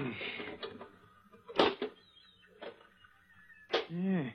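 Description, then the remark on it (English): A pinch bar pries at a small rusted iron box, the size and shape of a brick, its lock rusted away: a few sharp metallic clanks and scrapes at uneven intervals, ending in a strained, groaning creak as the lid gives way. “There was a lock there, but it's rusted away. Hand me that pinch bar.”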